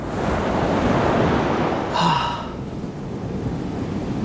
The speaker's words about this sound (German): Ist das nicht herrlich? So ein Meeresrauschen, da fängt der Urlaub im Kopf doch gleich an.